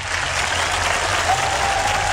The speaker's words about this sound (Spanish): Esto también merece aplausos. Comité, por favor. Comité de aplausos más fuerte.